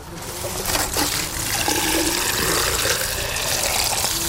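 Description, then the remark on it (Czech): Drinking tap water streams steadily from a tap or hose as garden beds are watered at an allotment garden colony in the Královo Pole district of Brno, Czech Republic, a continuous gushing and splashing that stays fairly loud throughout, with no one speaking. “Mezitím zalévají pitnou vodou a hledají způsoby, jak s ní co nejvíce šetřit.”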